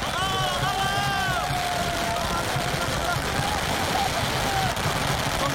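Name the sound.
firecrackers exploding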